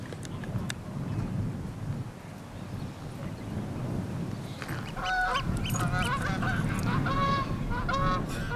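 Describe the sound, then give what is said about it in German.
A flock of geese on a cattle pasture in the south of an island honks repeatedly in bursts of harsh, overlapping calls, growing busier in the second half, over a steady rumble of wind buffeting the microphone outdoors. “Nein, nicht er, der Austernfischer. Sie sind das Problem. Die Gänse.”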